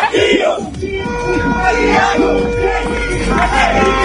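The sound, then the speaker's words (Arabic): A dense, loud crowd of Brazilian football fans cheers and chants continuously, many voices yelling and singing together in a sustained roar that never lets up across the few seconds. “الجمهور البرازيلي لم يتوقف ساعة عن الشباب والتشجيع، يعني كلمة لكم أشجاع هذه اللحظات.”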